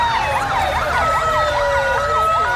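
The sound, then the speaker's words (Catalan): Police sirens wail in overlapping rising and falling sweeps over a steady rumble of street traffic with military vehicles in the centre of Ceuta; loud, with no voices heard. “Entre sirenes de policia i vehicles militars, centenars de joves caminen sense rumb al centre de Ceuta.”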